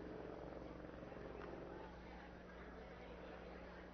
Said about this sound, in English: They just showed a helicopter flying overhead. Maybe somebody in the Iowa dugout put out an SOS down there.